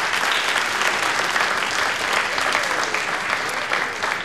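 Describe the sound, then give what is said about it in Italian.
An audience applauds steadily throughout in honour of the choir's maestro, a dense, even wash of many hands clapping at a loud, sustained level with no voices rising above it. “Fajat un gran applaus.”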